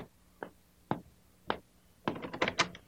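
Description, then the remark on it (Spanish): A back door opening: three separate wooden thumps spaced about half a second apart, then a quick flurry of rattling clunks as the door is worked open. No voices. “Oh, me parece que están por la puerta de atrás.”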